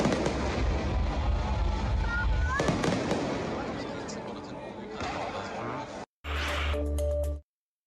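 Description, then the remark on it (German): A large musical high-altitude fireworks display closing an old town festival (Altstadtfest) on Sunday evening: fireworks crackle and boom in a dense, continuous barrage, with a brief whistling rise among the bursts, before cutting off abruptly into a short burst of steady tonal sound. “Das große musikalische Höhenfeuerwerk am Sonntagabend war der sichtbare Abschluss des diesjährigen Altstadtfestes, womöglich mit einem Besucherrekord.”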